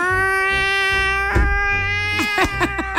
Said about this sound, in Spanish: Y uno dice que es la llorona y es un gato por ahí que